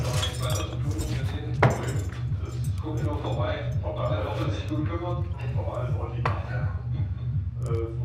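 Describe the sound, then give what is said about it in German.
Glass bottles clink against each other in a few sharp, bright knocks as someone rummages through a fridge, over a steady low hum with muffled talking throughout. “Jetzt aufhör mit deiner Scheiße dort im Kühlschrank!”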